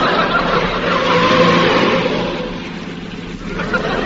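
A car engine roars loudly, revving as the vehicle accelerates, the steady rushing drone swelling in the first half and easing off slightly toward the end.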